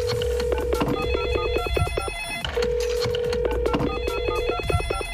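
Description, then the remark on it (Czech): A telephone rings twice in a steady electronic trill as a call is placed, each ring a bright repeating warble lasting about two seconds, heard clearly with no voices. “Jdeme telefonovat.”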